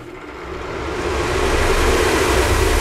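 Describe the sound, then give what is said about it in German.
An electric fan at full speed gives off a loud, steady whooshing roar. It swells slightly at first, then holds constant, with a faint low hum beneath and no voices. “Man kann zum Beispiel einfach ohne Not einfach einen Ventilator anmachen.”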